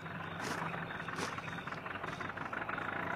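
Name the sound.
old car engine running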